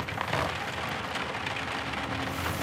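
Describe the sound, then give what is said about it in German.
Steady rain falls outside a window, a dense, even hiss of drops pattering on a surface, continuous and moderately loud with no voices present. “bewegungslos an einem Fenster stehend und unverwandt in den Regen hinausstarrend vor.”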